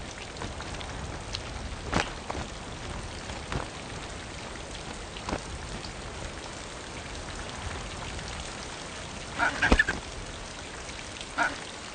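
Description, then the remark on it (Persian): Steady, cold rain from a storm patters down as a continuous hiss, falling where birds are nesting with chicks, with occasional sharper drops and splashes standing out, and a few faint bird calls near the end. “چوچه هایی که هنوز پر ندارند و نمی توانند حرارت بدن خود را تنظیم کنند، این باران برایشان کشنده است”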